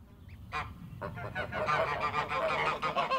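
A flock of geese, kept as grass-grazing 'lawn mowers' at the Rosenhof Ruf organic rose nursery in Steinfurt near Bad Nauheim, Germany, honks and cackles continuously, with overlapping harsh calls building in density and loudness over a few seconds.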